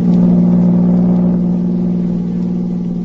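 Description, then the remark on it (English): A car engine hums steadily at a low, even pitch, a continuous droning motor sound with no talk, fading slightly toward the end, as Agent B-9 and Rita Drake drive to General Tiviage's headquarters one morning. “The next morning, Agent B-9 and his assistant, Rita Drake, drove to General Tiviage's headquarters.”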